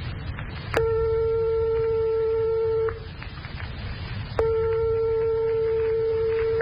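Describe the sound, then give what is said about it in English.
Two struck tones only 1/100th of a tone apart sound one after the other, each ringing steadily for about two seconds with a sharp attack. Their pitches are virtually identical, with a low rumbling noise underneath. “But suppose we strike two tones 1/100th of a tone apart, like this.”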